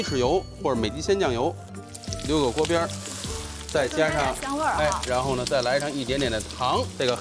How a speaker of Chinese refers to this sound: 哦，椒盐直接放在锅里是吧？哎，直接撒，这个时候要大火，给它炒香。